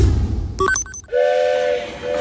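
A loud, sustained train whistle blows, preceded by a brief clatter of sharp mechanical tones, with a low rumble of rolling rail noise underneath and no talking.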